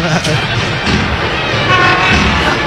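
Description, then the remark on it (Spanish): A noisy door being opened: a loud, continuous grinding scrape lasting a few seconds, with a faint squeaky whine rising partway through. “Es impresionante el ruido que hace esa puerta.”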